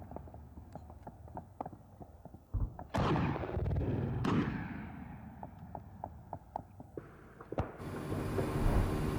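Yemeni armed forces fire artillery shells and machine guns at Houthi positions on the southern front of Marib governorate: sharp, rapid gunfire pops crack out in uneven bursts, broken by two heavy artillery blasts that boom and rumble away, then more scattered shots over a steady background noise.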